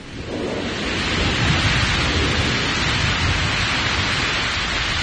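A thunderstorm roars without pause: heavy, dense rain hisses while deep thunder rumbles underneath, loud and steady throughout with no voices.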